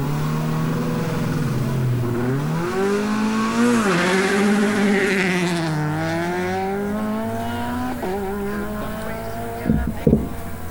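A Peugeot 208 Rally4 rally car engine revs loudly, its pitch climbing and dropping in repeated sweeps, ending with a couple of sharp pops near the end.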